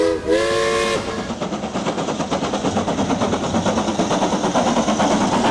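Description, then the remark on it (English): A steam train whistle on the Isle of Man Railways shrieks briefly, then the locomotive chuffs away in a steady, rhythmic beat of loud exhaust puffs, with no voices. “All steamed up and ready to go time travelling”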